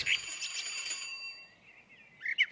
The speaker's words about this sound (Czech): je tady zvoneček, tak zvoním.